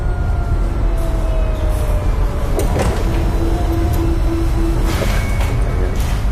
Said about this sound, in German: Das Geräusch stammt von einem Scanner.